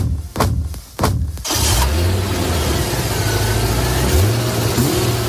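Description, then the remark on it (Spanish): A few sharp clicks, like a door or ignition, then the engine of a white car roars up and holds a steady revving drone, with pitch shifts as it accelerates away in an escape. “Es el final, triste final, de una historia que comenzó el 29 de octubre de 2017 con una huida en un coche blanco.”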